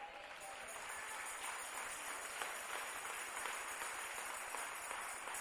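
An audience claps their hands for the Lord at a night service in a steady, dense wash of applause that holds at an even level for the whole stretch, with no voices rising above it.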